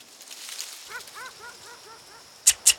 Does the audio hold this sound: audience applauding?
no